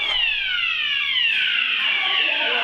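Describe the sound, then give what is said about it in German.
A loud fire alarm blares continuously, its shrill electronic tone sliding slowly downward in pitch in overlapping sweeps, with no talking over it. “Feueralarm!”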